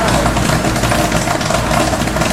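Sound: popcorn popping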